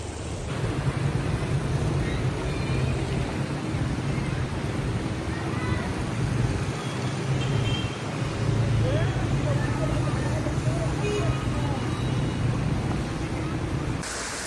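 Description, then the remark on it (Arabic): Steady rushing and splashing as vehicles drive through deep water flooding a street at the Al-Jarra roundabout, a continuous loud wash of churning water and engine rumble with muffled voices in the background. “انتبهوا على المي ما شاء الله، يعني بدها حل تشوف البلديه مشان يجوا يعملوا المي، لان السيارات ما عاد تحسن تمطر.”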